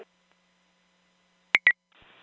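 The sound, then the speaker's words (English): Two quick electronic fire department radio paging tones sound in close succession after a stretch of silence, followed by a low buzzy crackle of radio static. “5C2 responding, Old Santa Arbor tones.”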